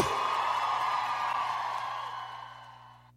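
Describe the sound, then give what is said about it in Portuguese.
A large audience in Goiânia, asked to raise their hands, shout and clap loudly, roars and claps loudly, a dense wash of shouting and applause that holds steady and then gradually fades away over a few seconds. “Alô, quem gostou, Goiânia, levanta a mão e dá um grito e bate bem alto aí.”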